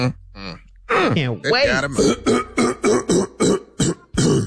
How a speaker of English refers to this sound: Let me clear my throat. Clear it. That's my favorite part.